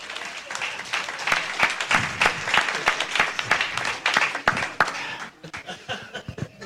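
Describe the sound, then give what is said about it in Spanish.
A church crowd breaks into steady applause for the Lord, many hands clapping in a dense, crackling wash that holds for several seconds before thinning out toward the end. “Denle un aplauso al Señor, gloria a Dios.”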